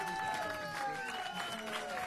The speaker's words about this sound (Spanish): Que se escuchen los aplausos.